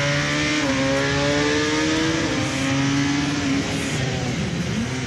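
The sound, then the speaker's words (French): A motorcycle engine accelerating out of a corner after the apex, a loud continuous roar whose buzzing pitch climbs and steps between gears over about five seconds, with no voices. “Point de corde, hop, accélération.”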